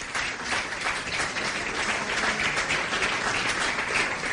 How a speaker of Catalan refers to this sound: Com es deia Joan Rafel, per al qual demano un aplaudiment també, sisplau.